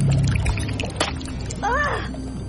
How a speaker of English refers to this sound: Ew! Smells like fish guts. Reeking fluid floods out of the opening. Water and slimy green ropes of seaweed and, yes... It is fish guts.